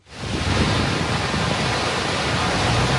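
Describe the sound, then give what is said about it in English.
A steady, dense roar of a fast-flowing river high in the Himalayas, which a Chinese rescue team is fighting its way across, fading in quickly and then holding loud throughout without any voices. “High in the Himalayas, a Chinese team fights their way across a fast-flowing river, then up a steep mountainside.”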